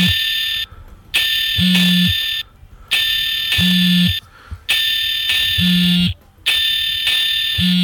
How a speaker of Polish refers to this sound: O, właśnie już mamy alarm.